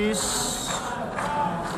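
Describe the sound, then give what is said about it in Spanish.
Delegations in the United Nations General Assembly hall boo Israeli Prime Minister Benjamin Netanyahu loudly and continuously, a dense, steady roar of many voices holding at the same level throughout with no break. “En la Asamblea General de Naciones Unidas esta tarde comparece el primer ministro de Israel, Benjamín Netanyahu, que ha recibido un sonoro abucheo.”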